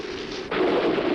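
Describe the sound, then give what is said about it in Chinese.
Steady hiss of heavy spring rain, then a sudden swell of thunder breaks in halfway through and keeps rolling, loud, over the downpour. No voices. “哟，打雷了！”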